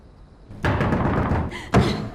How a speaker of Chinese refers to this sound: 爸，谁在敲门啊？ 别开门，别。